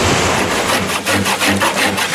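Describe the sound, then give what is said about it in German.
A carpenter at work cuts through wood with a hand saw in a steady back-and-forth rhythm, each loud, raspy stroke following quickly on the last, with no voices over it. “Eine Schreinerin am Werk.”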